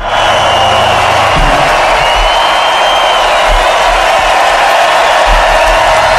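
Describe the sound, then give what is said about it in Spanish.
A large festival audience at the Hoy por Hoy plaza roars and cheers in a dense, continuous wall of voices, loud throughout, with no single speaker standing out. “Ahora suena el rugido ahí.”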